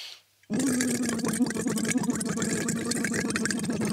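After a brief silence, a steady voiced hum is blown through a tube, laid lightly on the tongue, into water to make a tone, producing continuous gurgling bubbles that last for several seconds without a break.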